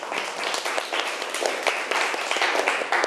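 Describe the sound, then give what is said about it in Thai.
A class of students claps together for a classmate in a steady, dense patter of applause lasting about three seconds, with many overlapping hand claps and no talking. “ค่ะปรบมือให้เพื่อนหน่อยค่ะ”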